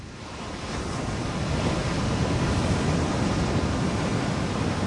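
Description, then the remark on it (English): Steady roar of ocean surf washing onto a beach near Sunset Point by the Pacific Coast Highway, with a fire burning behind the beach; a broad rushing wash that swells slightly in the first seconds and then holds, with some wind noise mixed in and no voices. “Watched the waves, listened to the fire behind us.”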